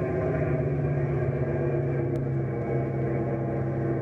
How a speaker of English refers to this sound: Watch. I'll change the pitch of the prop blades. We'll crawl right over the treetops.